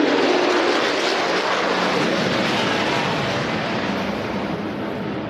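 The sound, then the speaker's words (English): A loud, rushing jet roar from an aircraft flying over fills the whole clip, a dense steady rumble that slowly eases off toward the end, with no voices. “That was a flyover that you can feel in your chest, Dana.”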